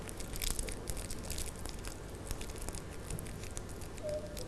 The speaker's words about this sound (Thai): ให้เด็กๆค่อยๆขยำแบบนี้เลยค่ะแบบนี้นะคะเด็กๆค่อยๆใช้มือขยำกระดาษของเราแบบนี้ค่ะ